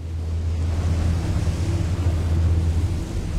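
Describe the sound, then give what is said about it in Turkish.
Steady, roaring outdoor wind in cold weather buffets the microphone without letup, a loud low rumble with a broad hiss above it and no voices. “Hadi gidip eşyaları kampa bırakalım ve bu rüzgardan uzaklaşalım.”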